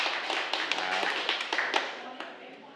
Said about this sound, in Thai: ยอดเยี่ยมมากเลยนะครับนักเรียนขอเสียงปรบมือให้กับเพื่อนหน่อยนะครับ